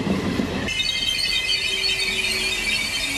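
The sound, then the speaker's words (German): A regional train grinds to a halt at Rolandseck station, between Bonn and Koblenz in Rhineland-Palatinate, with sustained high-pitched wheel squealing over a steady rumble, after a brief burst of low clattering at the start; no voices. “Die Regionalbahn, die hält hier immerhin zweimal die Stunde im Bahnhof des kleinen Ortes Rolandseck.”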